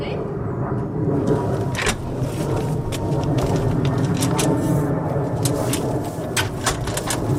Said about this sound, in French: Et évidemment, pile à ce moment-là, un avion qui passe.